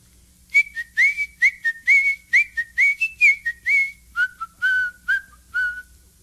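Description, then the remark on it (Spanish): A bright, cheerful whistled tune from a mouse walking along a path, about a dozen and a half short notes bouncing in a lively rhythm, then dropping lower near the end. It is clear, with no talking. “Por ahí ve venir al ratón Diego, que chifla contento por el camino.”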